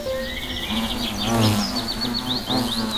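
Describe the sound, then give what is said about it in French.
A steady, low droning buzz of a European hornet hums throughout, with bright bird chirps and tweets flickering above it. No one speaks. “Si le frelon européen ne s'attaque presque jamais aux abeilles, c'est parce qu'il n'en est pas friand.”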